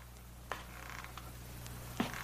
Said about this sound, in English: I heard the feet coming up the stairs, or was it just the creaking of the old house?